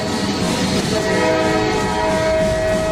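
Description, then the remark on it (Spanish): A train rolls along the rails in 1909 with a steady, loud rumble and rattle, carrying composer Enrique Granados from Paris toward the village of Cambon-les-Bains in the Pyrenees, past deserted stations. A sustained horn tone sounds through the second half. No one speaks. “En 1909, Granados lleva 2 días metido en trenes, subiendo y bajando en estaciones desiertas, para llegar desde París hasta el pequeño pueblo de Cambon-les-Bains, o así, en la otra punta de los Pirineos, que es donde está su amigo Isaac Albéniz.”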